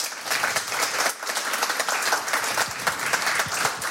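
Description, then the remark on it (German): A studio audience at a live Radio 1 broadcast from Studio 1 in Bikini Berlin applauds steadily. It is a dense wash of many hands clapping with some cheering mixed in, loud and sustained across the whole stretch with no talking over it. “Ja, und da weiterhin Thorsten Groß mit dem fantastischen Publikum. Was hier ist, ist richtig voll. Und lasst euch mal hören.”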